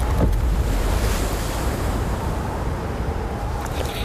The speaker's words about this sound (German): Von unten hört man ein dumpfes Platschen.